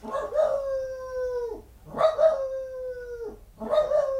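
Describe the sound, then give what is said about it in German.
A dog barks and howls three times in a row, each cry opening sharply, then stretching into a long, drawn-out wail that sags in pitch before breaking off. Fairly loud, no talking. “Jetzt bellt er in fünfhiesige Jamba.”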